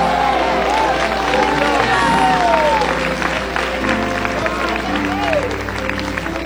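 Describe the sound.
A church audience erupts in loud, sustained shouts of glory to God ("glória a Deus") at the preacher's call, many voices overlapping in rising and falling cries, with scattered clapping beneath the roar for the whole stretch.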